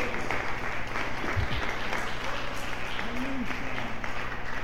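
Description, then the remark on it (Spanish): A crowd claps for Christ steadily throughout, a dense, even wash of applause at a consistent loud level, with a few faint voices rising briefly beneath it. “Un aplauso para Cristo.”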